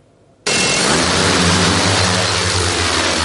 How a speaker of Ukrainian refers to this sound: Ось так гучно в небо зіймається ударний дрон-бомбардувальник «Вампір» сьогодні у навчальному режимі.